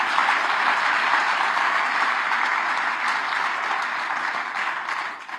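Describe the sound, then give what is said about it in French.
Sustained audience applause for the listeners of Radio Espérance during a live broadcast, a dense steady wash of many hands clapping at an even loudness for several seconds, tapering slightly at the end, with no voices heard over it. “Eh ben oui, eh ben on peut applaudir les auditeurs Radio Espérance, mes amis.”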